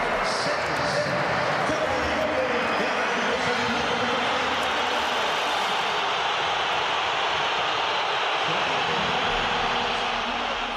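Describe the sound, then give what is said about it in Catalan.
A stadium crowd boos player Julián Álvarez as Simeone brings him on during a match at 1-1. The booing is loud and without letup, a dense, sustained roar of many voices that holds steady from start to finish with no clear individual speech. “Durant el partit, i amb l'1-1 al marcador, Simeone ha fet entrar Julián Álvarez i l'afició ha respost amb una esbroncada pel jugador. La sentim.”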